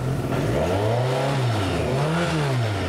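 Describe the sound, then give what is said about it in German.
A car engine revs loudly, its pitch climbing and falling back twice in smooth swells, with a steady low rumble underneath and no one speaking; the car has three pedals: gas, brake and clutch. “Also unten habe ich drei Pedale, ganz normal wie beim Auto auch. Ja, also rechts Gas, Mitte Bremse, links Kupplung.”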